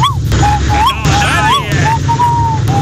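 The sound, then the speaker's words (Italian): A person mimics an owl's hoot with a string of wavering whistled calls that slide up and down in pitch, ending on a longer steady note over a constant low background rumble. “È gufo, ma sta facendo giorno.”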